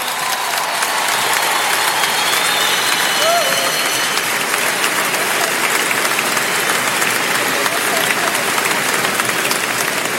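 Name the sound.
audience applauding loudly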